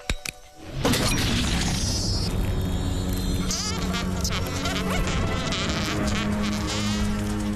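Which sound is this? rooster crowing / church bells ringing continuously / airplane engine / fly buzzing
fly buzzing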